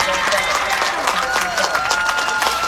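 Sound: stadium crowd cheering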